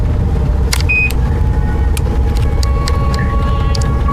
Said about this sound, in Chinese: 行啊，感觉咋样嘛？咱这小车稳当得很，是吧？